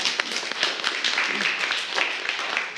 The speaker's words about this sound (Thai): โอเคครับขอเสียงปรบมือให้เพื่อนหน่อยครับ